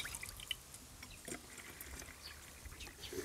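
A homemade all-purpose remedy of strained, cooled tea with a splash of rapeseed oil trickles and pours into a spray bottle in a quiet, steady stream, broken by a few soft drips and splashes, with no talking.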